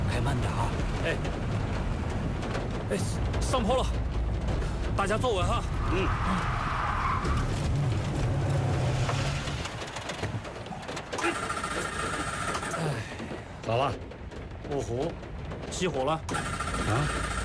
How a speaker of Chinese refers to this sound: 开慢点啊！哎，哎，上坡了，大家坐稳哈。嗯。哎， 咋了？ 哦吼，起火了！啊！哎呦，哎，哎呀，车子还陷在泥坑里了！哎呀，哎，这个山路。